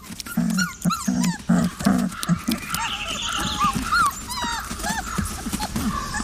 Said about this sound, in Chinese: 幼崽嗷嗷待哺，向母亲乞求食物。